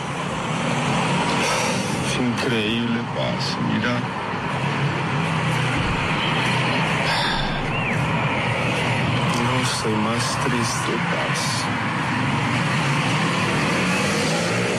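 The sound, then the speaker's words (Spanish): Steady, loud street traffic rumbles on throughout at a parking area in Laureles, Medellín, with passing cars and heavier vehicles, while people talk over the constant road noise. “Y lo peor y lo que más me da rabia, parce, es que estamos en una zona de parqueo acá en Medellín, en Laureles.”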